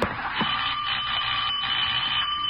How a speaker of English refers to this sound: Doorbell. Bertie! Doorbell!